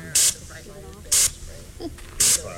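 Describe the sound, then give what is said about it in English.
Three short, forceful hissing bursts from a pressurized bear spray canister fired at a fake bear painted on plywood in Petersburg, Alaska, each lasting about a beat, evenly spaced, with quiet talk and background murmur in between. “Because if you spray, I see how it lifts. It'll go up.”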